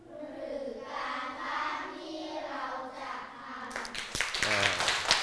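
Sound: students clapping hands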